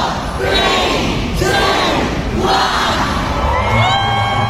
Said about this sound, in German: Und das wird jedes Jahr genau in London am Bahnhof groß gefeiert. Auch heute Vormittag haben sich abertausende Harry Potter Fans dort versammelt und haben kurz vor 11 den Countdown gestartet.